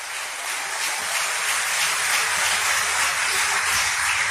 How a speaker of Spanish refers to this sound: Oh, alabado sea el Señor, dele un aplauso al Señor Jesucristo.